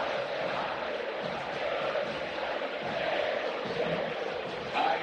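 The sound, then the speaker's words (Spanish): A football crowd at La Bombonera, the Boca Juniors stadium, chanting together during a match, a dense, steady roar of thousands of voices that holds for the whole stretch and swells slightly louder at the very end. “lateral para Boca, así canta la bombonera.”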